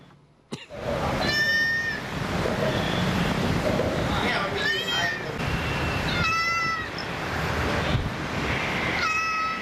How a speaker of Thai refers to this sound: ทำไมมีแมวอีกตัวฮะ อยู่ในเครื่อง อ๋อเปิดเสียงแมว เปิดเสียงแมวล่อ แล้วได้ผลไหม